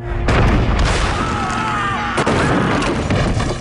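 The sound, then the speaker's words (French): Heavy cannon fire booms repeatedly, with sharp blasts around half a second and two seconds rolling into a dense, rumbling low-end roar that carries on throughout. “Le 18 août 1466, Charles fait tonner ses canons.”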